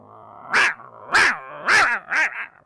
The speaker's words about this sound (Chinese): 这狗向他呜着一呲牙，这九头雉鸡乐了：“你向我呲牙呀？一个小奶狗，你有啥能耐？